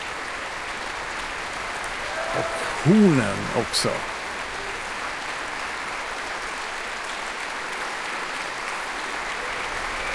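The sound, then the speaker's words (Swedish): Steady applause from a large crowd fills a concert hall after a Prokofiev symphony, as Susanna Mälkki comes on stage and the orchestra musicians applaud solo performances, the woodwinds standing, with a brief male voice speaking softly over it near the start. “Och även orkesterns musiker applåderar här nu för olika soloinsatser.”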